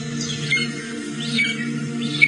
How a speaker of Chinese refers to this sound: 这是朱鹮的声音